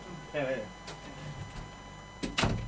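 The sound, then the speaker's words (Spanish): A door swings shut near the end with a brief, fairly loud thud and rattle, after a quiet stretch of room noise and a short murmur of a voice. “Ya, espera, deja cerrar la puerta entonces.”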